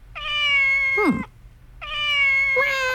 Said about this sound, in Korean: 너무너무 귀여운 고양이 소리. 그러니까 1부에 나가는 노래 중에 갑자기 이 소리가 들릴 거예요.